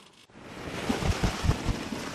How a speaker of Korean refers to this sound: 제주의 날씨는 변덕이 심합니다. 괜찮다가도 갑자기 바람이 높아지고 파도가 거세집니다. 도움줄을 넘겨받아야 하는데 사나운 바람이 휘말려 보조선이 방향을 잃었습니다.